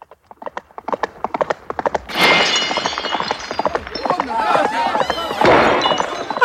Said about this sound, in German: Alles kaputt und in tausend Scherben zerbrochen.